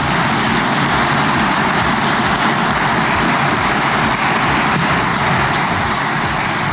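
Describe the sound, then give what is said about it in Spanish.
Loud, sustained applause from a crowd for the newly appointed minister Morales, a dense, steady wash of clapping that holds at full strength for the whole stretch without anyone speaking. “Por ello, no puedo más que pedir un fuerte aplauso al flamante ministro Morales.”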